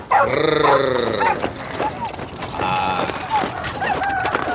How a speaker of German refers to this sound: Nun ist es gar nicht mehr weit bis zum Hof. Und schon hören sie fröhliches Hundegebell.